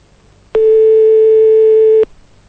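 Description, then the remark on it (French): A telephone busy tone during a DJ's attempted live on-air call to a listener plays once, a steady mid-pitched beep held for about a second and a half with an abrupt start and stop, loud and alone with no talking. “Laissez votre numéro de téléphone par SMS, je vais appeler en live.”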